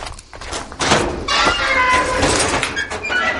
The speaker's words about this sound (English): swings open his garage door in the village of Conte in the southeast of France and begins rifling through his climbing gear.